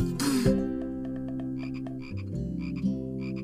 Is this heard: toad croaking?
yes